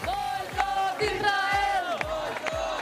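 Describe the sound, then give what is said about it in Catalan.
A loud crowd with many Palestinian and Catalan flags shouts in unison at airport arrivals as Catalan flotilla members come out, many raised voices chanting against Israel in a steady, rhythmic pattern with repeated sharp bursts roughly every half second. “Moltes banderes palestines, també de catalanes, i crits contra Israel.”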